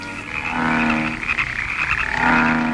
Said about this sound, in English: Oh, these frogs are driving me out of my mind. There, one less anyway. This is too much. There's a frog in the milk jug. And in the butter dish.